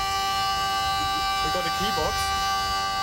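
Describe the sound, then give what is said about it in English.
A handmade hurdy-gurdy, with a hand-turned wooden wheel, a key box and a keyboard, played by its maker in his studio for old instruments: a steady, buzzing drone with a short rising and falling melody over it, the reedy, bagpipe-like tone sustained loudly through the whole clip. “We asked the owner if he would demonstrate for us one of his handmade hurdy-gurdies.”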